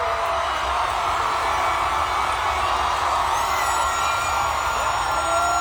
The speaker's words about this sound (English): This one might be a little bit more difficult, but this is undoubtedly the loudest cheer.